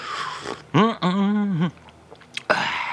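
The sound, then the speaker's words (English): Wet, noisy slurping of food, broken in the middle by a drawn-out, satisfied humming vocal sound, then another loud slurp at the end. “Now, while we're having a slurp, while we're having a chomp, and while we're having an orgy, we must, of course, have a sing-along.”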